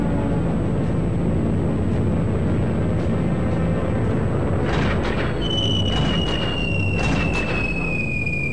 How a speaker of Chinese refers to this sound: 不到两个小时，九架日本飞机一共投下103枚炸弹，轰炸的中心恰恰是位于昆明城区西北的昆华师范学校，校园里的3座教学楼中有2座直接中弹。